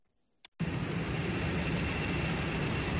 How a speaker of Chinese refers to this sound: 上午，随着引擎轰鸣，联通航空嘉兴号货机缓缓升空，飞往孟加拉国达卡机场，标志着嘉兴南湖机场首条国际货运航线正式开通。